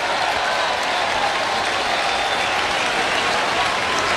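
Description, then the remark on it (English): A big stadium crowd at Fenway Park in Boston cheers and applauds during a Red Sox–Yankees baseball game in the ninth inning, in a steady, dense roar that holds at an even loudness for the whole stretch, broad and hissy with no single voice standing out. “And the crowd is up here in Boston.”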